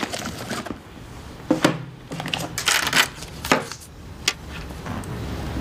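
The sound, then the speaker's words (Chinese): Close-up rustling and clicking as someone grabs a pen during a phone call and jots down an address, with a few short scratchy bursts and taps spread irregularly over a few seconds, no one speaking. “好，你稍等，我拿笔记一下。”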